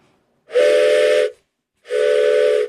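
Two long, loud blasts of a steam train whistle, each held steady for about a second with a breathy hiss around the tone, separated by a short pause.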